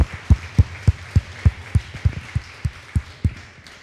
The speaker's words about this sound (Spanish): Denle un fuerte aplauso al que merece toda gloria y honra.